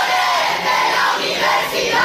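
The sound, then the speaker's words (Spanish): Students of Pablo de Olavide University in Seville shout slogans for the public university and for more funding during the universities minister's speech at the opening of the academic year, a loud, sustained roar of many voices with rhythmic swells, continuous throughout. “Gritaban consignas en favor de la universidad pública y exigían una mayor financiación para el centro.”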